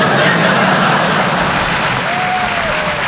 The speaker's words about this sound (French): Moi, je viens d'avoir mon deuxième enfant. Non, n'applaudis pas.